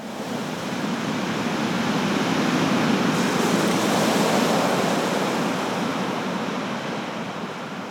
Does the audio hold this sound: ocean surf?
yes